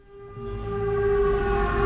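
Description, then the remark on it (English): A loud air raid siren wails steadily at a port in Ukraine, its sustained tone swelling in volume over a low, rumbling background, with no voices present. “the air raid siren sounds.”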